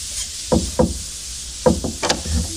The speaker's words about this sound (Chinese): 有人敲门，看看谁啊。